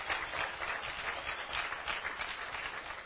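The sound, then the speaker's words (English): A crowd applauds steadily, many hands clapping in a dense, even patter that holds at a moderate level throughout without pause. “So you shouldn't be clapping.”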